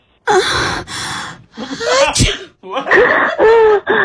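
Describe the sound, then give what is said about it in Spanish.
A sharp, explosive sneeze from someone with a cold bursts out in the middle of a string of loud, breathy vocal sounds and gasps, all clear, with no words spoken, played for a sound-identification test over a phone. “Uno suena como que hay algún tipo de y otro, y ahí mismo como que alguien estornudó.”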